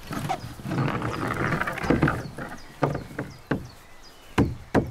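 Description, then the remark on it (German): Sharp hammer blows knock new panels upward into place, about five or six loud, irregular strikes with pauses between them, following a stretch of softer rustling and scraping. “Okay, ich würde die ein bisschen hochhämmern, auch wenn es unten noch nicht ganz bündig ist.”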